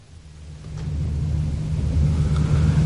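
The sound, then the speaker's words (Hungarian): Heavy trucks rumble past in a deep, continuous drone that swells steadily louder over a few seconds, with no voices present. “Ezek a teherautók úgy zúgnak, mint a darazsak.”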